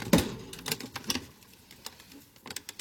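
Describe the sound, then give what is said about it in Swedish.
Irregular mechanical clacks and thumps from a hand-operated printing press printing leaflets one sheet at a time at night in a secret basement room, a loud knock at the start followed by lighter clicks and rattles spread unevenly, with no voices. “På dagarna går de på föreläsningar och på nätterna samlas de i en hemlig källarlokal för att trycka flygblad. Tryckaren är manuell. Ett papper i taget.”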